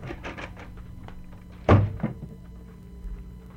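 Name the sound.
door thudding shut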